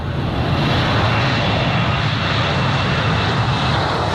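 A US military aircraft engine, like the bombers and aircraft operating from the Diego Garcia atoll base in the Chagos archipelago, roars steadily and loudly throughout, a dense, unbroken rumble with heavy low-end drone and no voices.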